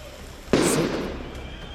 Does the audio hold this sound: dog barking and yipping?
no